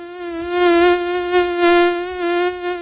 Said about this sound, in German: Wenn eine Mücke im Anflug ist, geht es dem Dermatologen Thomas Schwarz von der Uni Kiel wie vielen Menschen. Dieses Summen da